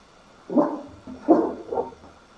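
A dog gives three short, muffled barks in quick succession, the middle one loudest, against a quiet background with no one talking.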